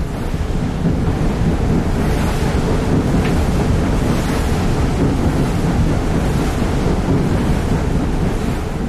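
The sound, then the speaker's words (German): Steady, loud rush of lake waves whipped into white foam by the blowing Föhn wind, churning without pause, with gusting wind buffeting and no voices over it. “Der Föhn blies, schäumte den See auf und die tiefliegenden Möwen schienen sich auf den weißen Wellen zu wiegen.”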